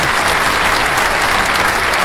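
A steady burst of applause, many hands clapping together in a dense, continuous patter at an even loudness for the whole stretch, with no voices standing out.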